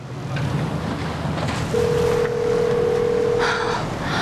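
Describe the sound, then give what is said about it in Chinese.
A phone's ringback tone sounds once as a steady two-second hum and goes unanswered, set against a windy outdoor background with a faint wash of water. “你能不能接个电话？”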